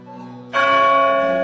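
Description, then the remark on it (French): A deep church bell strikes midnight, ringing out with one loud, bright stroke that cuts in over the fading hum of the previous toll, its rich metallic overtones sustaining steadily. No one speaks. “Au premier coup de minuit, elle a entendu un grand bruit d'ailes.”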